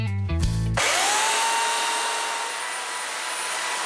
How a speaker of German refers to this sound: Das ist ein absoluter Flow. Für mich ist es Freiheit pur, die Kettensäge anzuschmeißen, mir zu überlegen, was ist in diesem Stamm für mich drin. Da sehe ich jetzt eine kleine, schmale Meerjungfrau.